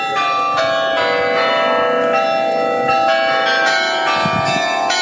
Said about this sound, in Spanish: Cada hora suenan las 44 campanas del carrillón del antiguo ayuntamiento, un edificio que actualmente acoge el Museo de Historia de la ciudad